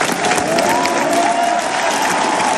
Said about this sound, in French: Discours applaudi, vous l'entendez en majorité par les pèlerins.